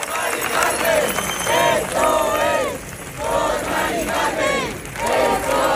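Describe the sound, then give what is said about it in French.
A large crowd of thousands in Spain chants the name of Marie-Carmen, an 87-year-old woman, in loud unison, the same two-part phrase rising and falling about four times in a steady rhythm over a constant roar of voices. “Ils sont des milliers depuis mercredi à crier le nom d'une femme qu'ils n'ont jamais rencontrée.”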